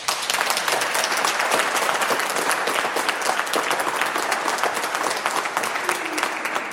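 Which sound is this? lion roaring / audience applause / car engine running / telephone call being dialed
audience applause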